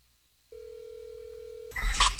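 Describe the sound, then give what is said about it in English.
A single steady ringback tone of an outgoing phone call sounds for about a second, then a sudden loud burst of noise cuts in as the line seems to pick up. “All right, ringing.”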